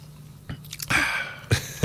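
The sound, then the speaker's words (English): Slurping sips from a nearly empty can of drink during a hydration break: a short airy slurp followed by a couple of quick wet mouth sounds, with no talking. “My can's almost empty, so I feel couldn't do that.”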